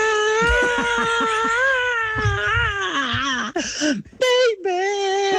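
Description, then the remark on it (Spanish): A voice imitates the memorable scream a singer makes at the start of a song: one long, loud, strained wail held for several seconds with a wavering pitch, then breaking into a few short, choppy cries at the end. “Al principio hace un grito memorable, más o menos así.”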